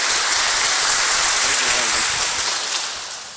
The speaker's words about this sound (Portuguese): A todos vocês, aqueles que nos acompanham em casa, ao Padre Robson, vamos acolher com a calorosa salva de palmas de boas-vindas.